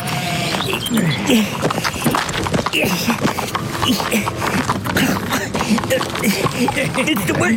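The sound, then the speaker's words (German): Horse hooves clip-clop steadily in a busy, shuffling rhythm as the horse keeps circling instead of standing still while someone tries to mount it, with voices talking over them. “Es würde mir deutlich leichter fallen, wenn euer Pferd mal einen Moment stehen bleibt und nicht dauernd im Kreis laufen würde.”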